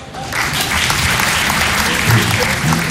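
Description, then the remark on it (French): Audience applause, a dense steady patter of many hands clapping, sustained and loud throughout with no pauses. “Quand j'ai été dans un sex shop par applaudissement?”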